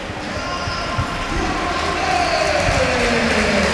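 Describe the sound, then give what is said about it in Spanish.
A stadium crowd chants "árbitro, a la nevera" ("referee, to the fridge") in unison at the referee, a loud, steady roar of many voices with sustained, sliding chant tones and scattered thuds and shouts underneath. “Estoy dejando el ambiente para ver si escuchamos lo que gritan.”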